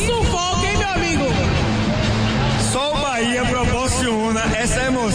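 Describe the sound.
Bahia football fans cheering and shouting together in the stadium after a 1-0 win over Mirassol, a loud, dense wall of many overlapping voices that stays steady for the whole stretch, with rising and falling yells layered through the crowd noise.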